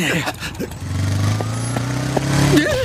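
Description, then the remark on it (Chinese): A motorbike engine drones past in a steady low, buzzing hum for a couple of seconds, its pitch lifting briefly toward the end, with brief vocal sounds before it starts. “你会不会骑车呀？”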